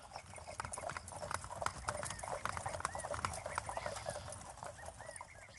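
A busy, continuous clatter of horse hooves clip-clopping on hard ground, many overlapping strikes in an uneven rhythm, with faint rumbling and scattered high chirps, as horses and carriages set off toward a church.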